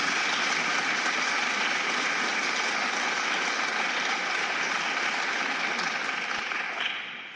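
Sustained audience applause, a dense wash of many hands clapping at once, holding steady and loud for several seconds before starting to taper off at the very end.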